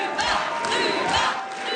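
A large crowd addressed by a party leader chants her name, Ruba, in unison, loud massed voices rising in a steady repeated rhythm of roughly three beats, with no single speaker standing out.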